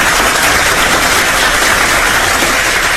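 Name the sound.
applause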